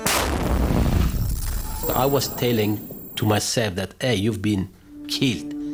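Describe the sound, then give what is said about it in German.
A loud explosion from a bomb attack in Kabul bursts out at the start and rumbles away over a couple of seconds, then a voice begins speaking over a quiet background. “Es gab eine Explosion.”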